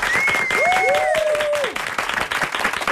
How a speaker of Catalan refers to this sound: Sí, no, fem un bon aplaudiment. És que a més avui tenim una claca que flipes, per tant, sí. Convidat A.P. Aplaudiments, sisplau.